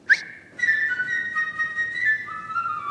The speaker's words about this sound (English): And each character is represented by a different instrument. First, the bird. He is represented by a flute.